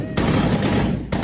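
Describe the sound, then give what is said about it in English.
Rapid bursts of gunfire crackle loudly as gunmen on motorbikes ride into a village in northwest Nigeria, a sustained volley of overlapping shots followed by a brief pause and another burst starting up, with no voices. “Shots ring out as gunmen on motorbikes ride into a village in northwest Nigeria.”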